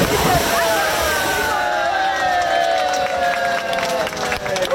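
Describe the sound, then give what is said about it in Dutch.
A busy outdoor swimming pool in Zwifterband, built in 1965 and just reopened after renovation, on a warm weekend: steady splashing and sloshing water as swimmers swim laps under a lively crowd, with bright shouts and children's voices rising over the continuous bustle, loud throughout. “Zwembadliefhebbers in Zwifterband die kunnen eindelijk weer baantjes trekken in hun openluchtbad.”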